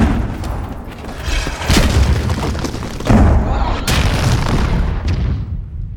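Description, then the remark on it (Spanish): Three heavy cannon blasts boom out a second or so apart, each a sharp crack followed by a deep roar, over a steady low rumble that fades at the end. The cannon fire comes during an attack by the pirate ship Black Pearl. “¡Una bala! ¡Contesten el fuego! Esos cañones.”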